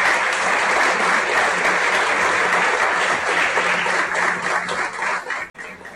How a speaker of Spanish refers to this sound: les pido de la manera más respetuosa un sincero aplauso a todo nuestro equipo, Comité Olímpico Nacional.